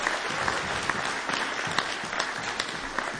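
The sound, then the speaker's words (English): Steady applause from an audience for the band's guitar and banjo player, a dense wash of many hands clapping with a few sharper claps popping out, moderately loud and continuous. “Give her a huge round of applause.”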